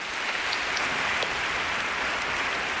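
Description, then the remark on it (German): Steady, dense applause from an audience welcoming a boys' choir from Hannover, a continuous wash of many hands clapping at an even loudness throughout, with no voices. “Und ich bitte um einen herzlichen Applaus.”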